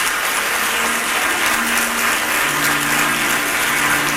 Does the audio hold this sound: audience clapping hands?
yes